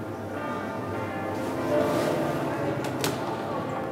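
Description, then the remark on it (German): Church bells ring continuously for a wedding, their overlapping tones forming a steady wash of sound with a brief sharper chime near the end. “Die Glocken läuten zwar ein paar Minuten über den offiziellen Termin hinaus”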